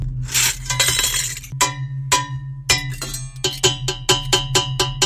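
Stainless steel pots are played to make music, clanking in a rough rhythm: an opening metallic rattle, then sharp, ringing strikes that come faster toward the end, each leaving a bright tone over a steady low hum.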